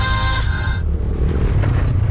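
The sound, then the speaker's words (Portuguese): A motorcycle rumbles by with a loud, steady low engine drone that stays strong throughout. A brief high tonal whine fades out in the first half-second. “Ouviu essa moto?”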